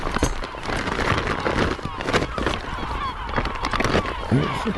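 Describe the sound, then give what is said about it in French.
A wild seabird gives harsh, honking calls in repeated bursts while it is held in a small bag and lifted with an electronic spring scale to be weighed, with a person talking underneath and a busy, noisy background throughout. “Donc là, je le mets dans un petit sac, et avec ensuite un peson électronique, on vient soulever l'oiseau.”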